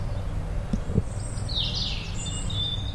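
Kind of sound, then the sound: bird, birds chirping outdoors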